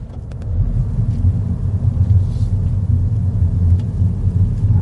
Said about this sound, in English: So, this car, as I mentioned, a little three-cylinder BMW engine powers this internal combustion-engined Mini,